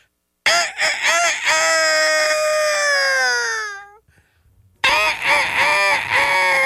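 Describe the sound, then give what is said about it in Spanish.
A person imitates a hoarse rooster crowing: a long, strained cock-a-doodle-doo that trails off, a short pause, then a second raspy crow starting up, loud. “No, pero ese gallo está ya muy acedo. Tiene gripa ese gallo.”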